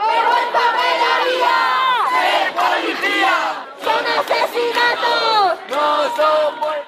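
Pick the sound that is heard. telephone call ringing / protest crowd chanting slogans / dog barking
protest crowd chanting slogans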